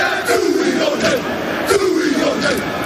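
New Zealand's All Blacks rugby team chant a haka war cry in unison, loud rhythmic shouted phrases with rising and falling pitch, punctuated by sharp bursts, sustained throughout.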